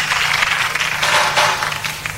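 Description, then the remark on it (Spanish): A steady wash of audience applause for the band Soda Stereo, many hands clapping together in a dense, continuous patter that holds at a fairly loud, even level throughout, with no voices standing out. “Un aplauso para Soda Stereo y algo más de la música de ustedes para nuestra juventud esta noche.”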